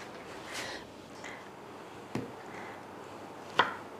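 Two sharp knife chops strike a cutting board a second and a half apart as fruit is cut into small pieces, quiet, with soft rustling and handling sounds between them and no talking.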